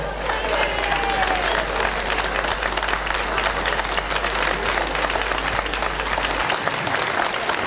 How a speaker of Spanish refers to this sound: fuerte el aplauso